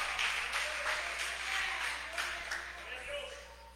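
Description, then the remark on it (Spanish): A crowd claps steadily in a dense, continuous wash of applause given to Jesus in thanks, with scattered sharper claps and a murmur of voices underneath, holding at a fairly even loudness throughout. “Dele fuerte ese aplauso a Jesús y dígale gracias en esta hora.”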